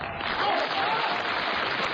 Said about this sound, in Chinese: 您看现场观众的掌声这么热烈，我要把这个声音录下来留作纪念。